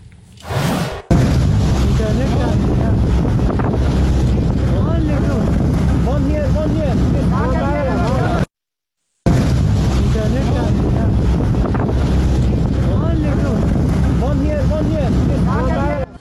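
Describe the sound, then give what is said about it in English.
Steady wind roars over open water in the English Channel with the low drone of a small boat's motor during a migrant crossing, while the French Navy throws life jackets and indistinct voices call out faintly underneath; a brief dropout cuts the sound midway. “We can bring you footage exclusively of the French Navy throwing life jackets to illegal immigrants making a small boat crossing in the Channel.”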